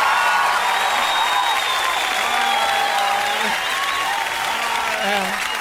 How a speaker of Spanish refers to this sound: Un aplauso ahí, mira.